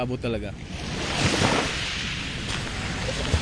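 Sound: waves on a beach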